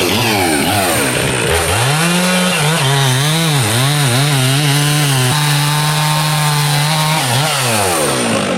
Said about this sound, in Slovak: A zapnete nám ešte tú motorovú pílu, nech si trošku nahrám aj ten zvuk. Robím všetko, no.